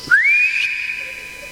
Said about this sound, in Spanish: Bueno, yo le voy a pegar un silbidito al sombrero y capaz que vuelve.